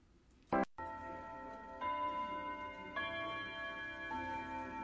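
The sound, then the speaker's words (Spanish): A grandfather clock ticking: after a sharp knock, steady resonant strokes land roughly once a second, each ringing and overlapping the next, with no voices. “Ha habido informes de fantasmas que salen de los grandes relojes de pie del Palacio de Justicia y de caras fantasmales que aparecen en los relojes.”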